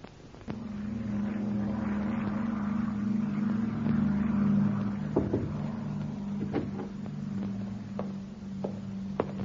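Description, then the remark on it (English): A propeller aircraft's engine, the plane from Lisbon arriving at an airfield in England, drones steadily, a deep, even hum that holds for the whole stretch, with a few faint clanks and knocks near the end. “Plane is in, sir, and here is the passenger list.”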